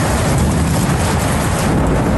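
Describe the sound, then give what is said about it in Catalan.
Heavy rain and hail pound down in a loud, continuous roar, a dense wash of pattering impacts with no pauses and no voices: a strong hailstorm in the Camp de Tarragona area of Catalonia, Spain, with hailstones the size of a 2-euro coin, on 25 August. “És el de la pluja, que novament ha caigut amb força al Camp de Tarragona. Forta calamarsada amb pedres de la mida d'una moneda de 2 euros que han causat inundacions, caigudes d'arbres, branques i fanals.”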